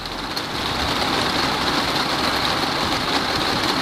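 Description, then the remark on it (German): Rain drums steadily on a roof, a dense, continuous patter with a hissing high edge and a low rumble underneath, holding an even loudness throughout with no voices. “Wenn Sie erkennen, was da so herrlich trommelt und worauf vor allem, ist die Frage”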